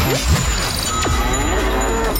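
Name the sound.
cow moo sound effect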